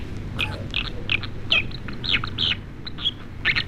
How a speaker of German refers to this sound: So, und dann hätten wir noch einen, und zwar die Wasseramsel. Das finde ich ein toller Vogel, aber ich finde, es klingt ein bisschen wie ein Faxgerät.